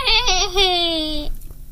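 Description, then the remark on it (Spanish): A toy baby doll gives a single loud crying wail lasting just over a second, pitched high and sliding slightly downward before cutting off abruptly, followed by quiet background. “Ahora llora por la misma.”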